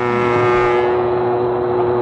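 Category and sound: vehicle, train departing from station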